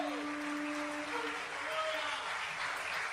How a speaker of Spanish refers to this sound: Dale un aplauso al Señor Jesucristo.